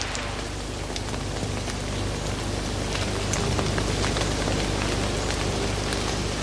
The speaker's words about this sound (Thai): ครั้นฝนตกลงมาอีกพืชเล็กๆเหล่านี้ก็ยังช่วยซับน้ำไว้อีกชั้นหนึ่ง